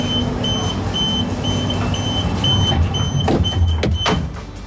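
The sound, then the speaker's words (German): A train's low rumble carries a repeating high electronic warning beep, then sharp hissing bursts near the end, like sliding doors closing. No one speaks. “Das verbindet man entweder mit einem puren Stress, wenn man den Zug fast verpasst, oder mit einem Abenteuer.”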